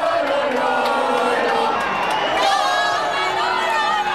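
A dense crowd of football fans in the streets of Madrid, Spain, chants the names of Spanish footballers and cheers outdoors, many voices overlapping in a loud, continuous roar with rising shouts, no single speaker standing out.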